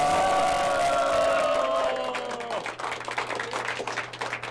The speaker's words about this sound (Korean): 예, 캠프 관계자들은 이제 추미애라는 이름을 연호하면서 이제 소감을 좀 기다리고 있는 그런 상황인데요. 어떤 목소리를 낼지, 네, 지금 이제 박수가 나오고 있나 한번 들어보겠습니다.